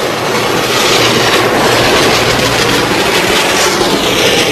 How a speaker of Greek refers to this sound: Είναι ο αέρας από το πλυντήριο αυτοκινήτων που στεχνώνει τα αυτοκίνητα.